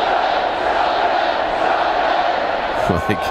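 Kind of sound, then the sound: crowd, stadium crowd singing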